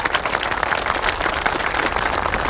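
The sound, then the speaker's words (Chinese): Steady, enthusiastic applause from a crowd at a meeting, welcoming a visiting official, the deputy town head; many hands clapping in a dense, continuous patter at an even loudness with no voices. “来，各位，咱们用最热烈的掌声欢迎领导的到来。”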